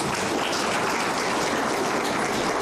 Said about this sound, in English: Ladies and gentlemen, for those that did well, let us give them a round of applause.